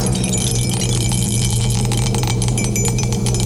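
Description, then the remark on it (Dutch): A die is shaken and stirred inside a cup for a dice game, rattling steadily for several seconds, a dense run of quick, bright clicks and knocks over a low background hum, with no one speaking. “De dobbelsteen gaat in de beker. En we gaan eens even schudden en roeren.”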